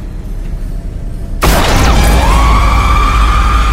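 A sudden loud gunshot blast cuts through a low rumble, followed by a bright shattering crash and ringing, glassy debris that lingers with a sustained tone.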